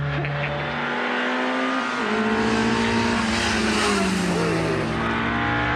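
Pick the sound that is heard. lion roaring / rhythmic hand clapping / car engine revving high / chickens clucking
car engine revving high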